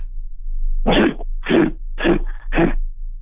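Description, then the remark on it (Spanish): Someone imitates a grizzly bear with four short, rough, breathy growls in an even rhythm, each about a quarter second long, over a steady low hum. “Es oso grizzly.”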